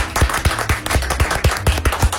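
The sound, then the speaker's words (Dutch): A crowd claps together in a steady, quick rhythm of about four claps a second, each clap landing with a low thump underneath. No one speaks. “We gaan nog één keer voor de klappen, mensen.”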